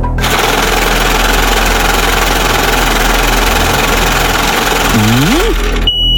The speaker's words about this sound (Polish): No, kierowniczko, odpalaj maszynę losującą.